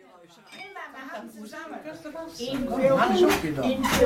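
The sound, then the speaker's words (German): Glasses clink together in a toast, several bright ringing knocks in quick succession near the end, following and overlapping cheerful voices. “Prostchen! Prost!”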